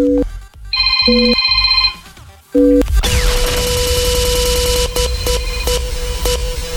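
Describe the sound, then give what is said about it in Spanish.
A phone's keypad tones beep out the short number 939, followed by a bright electronic ringing tone that repeats loudly over a noisy, busy background. “Marca 93-9, 939 a tu teléfono.”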